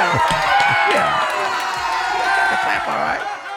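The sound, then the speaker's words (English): A loud burst of crowd cheering and applause, dense and continuous with whoops and shouts mixed in, lasting a few seconds before tapering off slightly at the end. “You ain't clap for that? No, because we got to pull teeth to support her. I'll clap for myself.”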